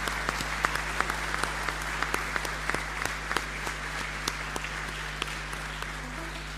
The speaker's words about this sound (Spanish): Le damos un fuerte aplauso a todos los integrantes.